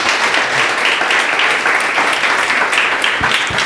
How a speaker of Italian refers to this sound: Grazie, un applausissimo per tutti.